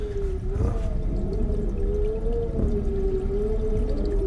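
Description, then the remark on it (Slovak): A wardrobe door creaks in one long, wavering groan that holds a steady mid-low pitch for several seconds, with faint rumbling noise underneath and no voices. “A tá vrzga. Všetko tu vrzga.”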